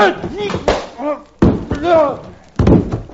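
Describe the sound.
Three heavy thuds land a second or so apart, loud, like fists striking and bodies hitting the floor in a fistfight between two men that leaves both knocked down, with strained grunts and groaning voices between the blows.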